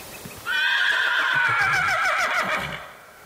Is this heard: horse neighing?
yes